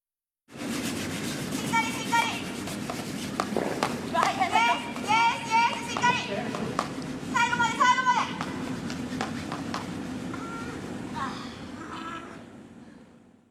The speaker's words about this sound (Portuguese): Então vamos ouvir a gente varrendo agora, literalmente, o gelo.